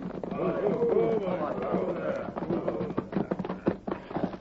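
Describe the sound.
Horses' hooves thud and clatter in an uneven, slowing rhythm as a gang of riders circle an Indian village and rein in their horses before a teepee, after a stretch of overlapping voices calling out.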